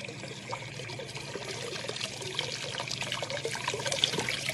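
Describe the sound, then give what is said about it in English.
Water trickles and pours steadily through a wooden gate lifted by turning a big round handle, into water about 2 feet deep at its deepest, a continuous splashing flow that grows slightly louder and fuller over a few seconds, with no voices present. “There's our water, dear.”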